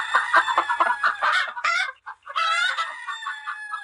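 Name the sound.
hen clucking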